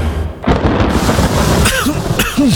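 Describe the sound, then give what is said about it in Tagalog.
A deep, loud rumble of thunder rolls over steady hissing rain in the rainy season, filling the short stretch with dense stormy noise and a few sharper bursts toward the end. “Tagulan na. Uso na naman ang ubo.”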